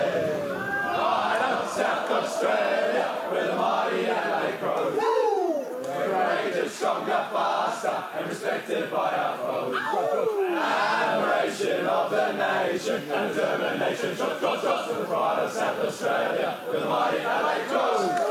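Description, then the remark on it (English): Players and others packed into the rooms sing the team song: a crowd of male voices chants and shouts together in a loud, continuous group sing-along, with rising whoops and cheers breaking through the steady, boisterous chorus. “they're slowly forming out to what would be a very wet rendition of the song”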